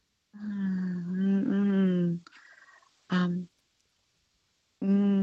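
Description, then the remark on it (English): A voice hums a song's tune as a music quiz clue in a steady, mid-pitched tone, with one long phrase that shifts pitch, then a brief pause, a short hummed note, and another phrase starting at the end. “I'm humming the song. I can hear you humming, and I'll give you I'll crank it up again.”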